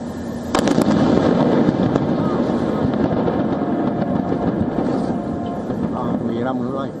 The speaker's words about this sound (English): Videos from the scene captured the moment of the explosion. A loud blast echoed across the coastline, followed by thick black smoke billowing above the water.